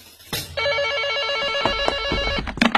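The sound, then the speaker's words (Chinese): A telephone rings loudly and steadily, a sustained electronic trill holding for about two seconds before breaking off amid a few clattering handling noises. “就在苗正准备考虑另做安排的时候，电话铃声又响了。”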